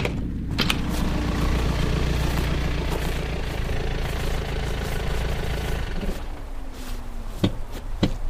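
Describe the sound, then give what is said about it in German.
A car engine rumbles steadily as a car arrives, idling with a low, continuous drone, then shifts and tapers near the end with a couple of sharp clicks or knocks. “Da kommt ein Wagen.”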